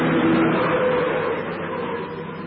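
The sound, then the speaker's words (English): A car drives along with a steady, moderately loud engine drone and road rumble, continuous throughout with a faint whining tone early on and no one speaking. “You've had your little joyride.”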